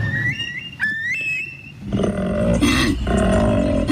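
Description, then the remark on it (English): During koala breeding season, a male koala calling for mates from the treetops gives a deep, rasping bellow that rises in loud, throbbing pulses for the last couple of seconds, after a quieter opening with thin, high-pitched whistling calls. “Deep, throaty, guttural bellows are reverberating across the landscape. It's koala breeding season.”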